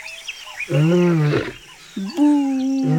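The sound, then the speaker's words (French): A lion roars in a series of drawn-out, moaning bellows: one long loud call, then a short grunt leading into another sustained roar, with no talking. “Il y a très longtemps, dans la savane, un lion se lamentait.”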